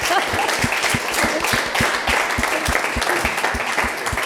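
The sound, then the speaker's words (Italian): An audience bursts into steady applause, many hands clapping together in a dense, fairly loud wash with a few sharper claps standing out, continuing evenly for several seconds without voices. “Allora, applauso a questa simpatia.”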